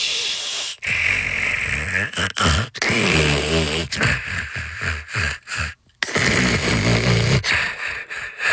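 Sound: snoring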